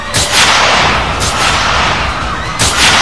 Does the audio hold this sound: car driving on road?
no